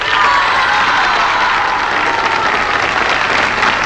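A crowd applauds and cheers loudly and steadily, dense clapping with shouts and whoops blended in, sustained throughout without any clear speech.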